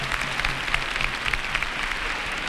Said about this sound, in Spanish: Ahora sí, esas son las palmas que lo confirman.